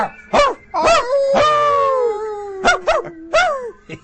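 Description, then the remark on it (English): A person imitates a small dog: a string of high, yappy barks and yips, with a drawn-out whining howl in the middle, loud with no other talking. “Yeah, I feel like barking. Arf, arf, arf, arf.”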